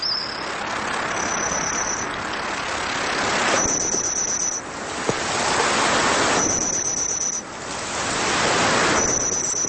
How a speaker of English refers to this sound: You're listening to the reconstructed chirps and cheeps of some of the ancient insects you might hear in a Jurassic forest. By analyzing insect fossils, studying current insect vocalizations, and using AI to extrapolate how ancient wings might sound